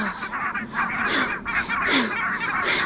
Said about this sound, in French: Oh zut ! L'oiseau s'est envolé !